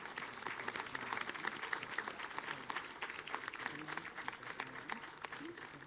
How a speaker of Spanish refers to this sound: Tenemos allí las marionetas de San Francisco y de Santa Clara. Bueno, un aplauso para los jóvenes que la tienen allí.